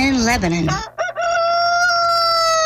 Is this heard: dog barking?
no